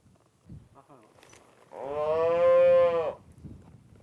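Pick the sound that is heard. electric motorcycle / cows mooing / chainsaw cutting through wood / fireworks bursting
cows mooing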